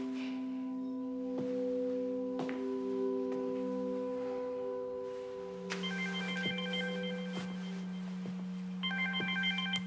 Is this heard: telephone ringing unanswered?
yes